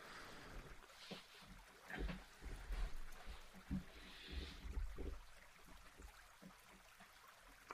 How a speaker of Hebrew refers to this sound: אז אני כבר שם לנו קצת צלילים של מים. עושת המים, מים זורמים, נחל.